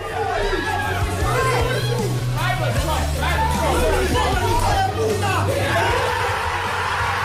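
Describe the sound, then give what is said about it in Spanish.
The full Arsenal squad roars and cheers at Arsenal's training centre in north London after the final whistle of the Bournemouth–City match made Arsenal Premier League champions after 22 years: overlapping yells, whoops and excited chatter at a steady, loud level, with a low droning hum underneath. “Esta que escuchamos fue la locura que se desató en el centro de entrenamiento del Arsenal, donde estaba reunida toda la plantilla ganera al completo tras el pitido final de ese Bournemouth City que hacía campeón al Arsenal.”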